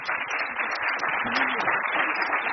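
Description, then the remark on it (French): An audience applauds at a public France Culture masterclass in Cannes: a dense, steady wash of many hands clapping, holding at an even loudness for the whole stretch with no one speaking over it. “je vous propose d'applaudir.”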